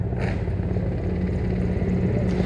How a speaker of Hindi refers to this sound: और इस समय आकाश आकाश में जो स्वर हमें सुनाई दे रहे ध्वनि सुनाई दे रही है वो उन हेलीकॉप्टर्स की है जो पुष्प वर्षा करते हुए लाल किले के प्राचीर के ऊपर से गुजर रहे हैं और लोगों की निगाह उसी आसमान की तरफ है।